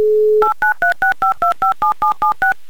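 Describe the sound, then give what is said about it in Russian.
A steady dial tone breaks into a quick run of eleven touch-tone beeps as Humor FM radio presenters dial a listener in Troitsk, each a short dual-pitched blip at an even, rapid rhythm, with no voices. “город Троицк, давайте попробуем до него дозвониться.”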